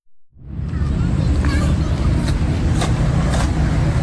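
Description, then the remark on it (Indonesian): Steady roar of cars and motorcycles passing on Jalan Jenderal Ahmad Yani, a busy road beside Taman Linkin Park in Rawasari, Central Jakarta. Loud, a continuous rumble with engines droning by and faint higher clatter, no clear talk. “Deru mobil dan sepeda motor di Jalan Jenderal Ahmad Yani tak mengalihkan perhatian para pemuda di Taman Linkin Park, Rawasari, Jakarta Pusat.”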